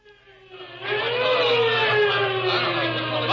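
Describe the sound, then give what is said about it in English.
A police car siren wails with a steady, slowly gliding tone over a low engine rumble, swelling louder after the first second as the car draws near. No one speaks. “Well, thank goodness that squad car picked us up as soon as it did.”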